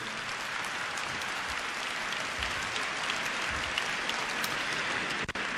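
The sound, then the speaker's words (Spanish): An audience at a Metanoia women's gathering claps steadily for several seconds for the men who came, a dense, even wash of many hands with no voices, ending in a brief dip at the very end. “Oigan, les damos un aplauso a los valientes que han venido aquí.”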